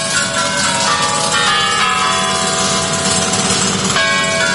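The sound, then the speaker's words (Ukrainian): Kremlin clock tower chimes ring out loudly, several bell strikes blending into one another with long, sustained metallic tones over a dense, noisy background, with no voices. “Час іде. З розгрому нацистської Німеччини минуло 80 років. Та цей годинниковий механізм у Кремлі працює по-особливому.”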